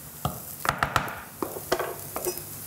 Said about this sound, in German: Und jetzt kommt dieser dicke Mehl-Eierbrei in die Pfanne.